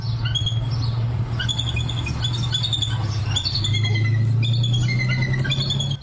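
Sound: bald eagle calls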